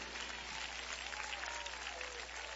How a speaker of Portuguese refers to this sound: Aplausos para Cristo.